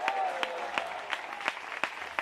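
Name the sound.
audience applauding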